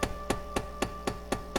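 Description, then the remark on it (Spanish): An old man knocks on a door as night begins to fall, a steady, evenly spaced series of about seven sharp, fairly soft raps, with no voices over them. “Empezaba a caer la noche cuando de repente la mujer oyó que llamaban a la puerta.”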